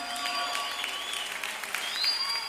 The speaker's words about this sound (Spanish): El aplauso fuerte que se escuche para ustedes.